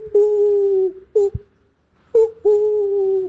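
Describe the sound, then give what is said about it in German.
A person imitates an owl's hoots with their voice, an entry in a contest for the best owl sound to win tickets to the Nachteulen festival: a long, steady hoo, a short one, a pause, then another short hoo and a long drawn-out one, all fairly high-pitched. “Via WhatsApp könnt ihr noch eine Sprachnachricht schicken mit eurem schönsten Eulengeräusch.”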